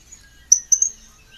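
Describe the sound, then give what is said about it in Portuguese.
A surucuá trogon calls with three short, high, clear notes in quick succession, heard alone and fairly soft against a quiet outdoor background. “Coisa mais linda, surucuá.”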